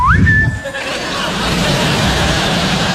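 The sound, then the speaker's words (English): A shrill Navy whistle, blown in the kitchen, sweeps upward and holds a steady high note for under a second, then cuts off, leaving a murmur of background noise. “Come down in the kitchen, blow that Navy whistle.”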